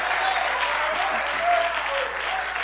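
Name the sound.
audience applauding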